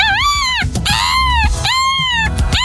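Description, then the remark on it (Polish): A person's voice mimics a seagull, presented as a summer sound on the radio station Radio Złote Przyboje. Two long, high wailing cries swoop up and down in pitch, separated by a brief burst of rougher sound. The calls are loud and alone. “Matko Boska, i co się rzuca w takiemu taką mewę?”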